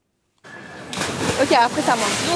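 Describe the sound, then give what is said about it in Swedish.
Continuous splashing and sloshing water at a city canal in Paris, where people go to cool off during a heat wave of up to 40 degrees, growing busier after a moment, with people's voices calling and chattering over it. “I Paris väntas temperaturer på uppemot 40 grader de närmsta dagarna och folk där söker sig till stadens kanaler för att svalka sig.”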